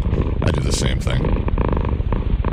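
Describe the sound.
A loud, continuous purring rumble runs through the whole clip with a throaty, voice-like texture, as if a person is imitating a cat's purr.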